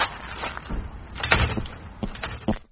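A door being opened, with a few sharp knocks and clunks of the latch and handle amid rustling movement, the loudest jolt about halfway through.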